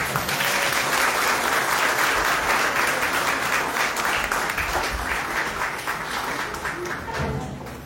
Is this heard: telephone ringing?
no